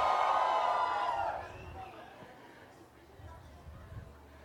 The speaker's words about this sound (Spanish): ¿Cómo estamos, niños y niñas? Que se escuche el grito de las niñas. El grito de los niños. De los papás chavorrucos.